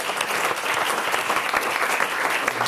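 An audience claps steadily, a dense wash of many hands applauding at a constant, fairly loud level for a few seconds with no voices on top.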